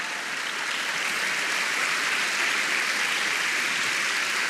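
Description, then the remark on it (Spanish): An audience claps steadily in praise of the Lord Jesus during a sermon, a dense wash of many hands that stays loud and even for several seconds with no voices standing out. “Vamos, dele palmas al Señor Jesús.”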